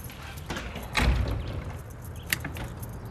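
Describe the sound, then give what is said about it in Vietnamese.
A door in a house swings shut with a dull, heavy thud, followed a moment later by a lighter click, against a quiet indoor background with no one talking. “Để cửa mở đi có được không? Đừng đóng cũng đừng khóa cửa làm gì.”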